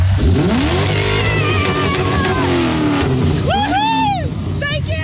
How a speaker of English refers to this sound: Oh, well, there's a ute here. The ute just pulled up. Go try it. Go try it. All right. Can you rev your car for me?